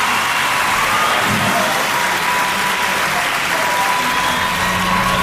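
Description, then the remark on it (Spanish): Sustained audience applause, loud and dense, a steady wash of many hands clapping with faint crowd murmur underneath, continuing evenly throughout. “aplauso para”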